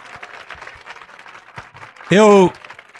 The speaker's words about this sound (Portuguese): E vamos aplaudir mais o Senhor Jesus.